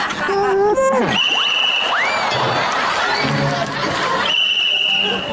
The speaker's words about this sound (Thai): เป่าใบไม้ทำไมอะคะ อ๋อพอดีนกหวีดผมมันหล่นหายไปไหนไม่รู้ครับผมก็เลยเดินมาหาเด็ดใบไม้มาเป่าแทนครับนี่กำลังเลือกอยู่ว่าใบไหนมันเสียงพ่อกันครับ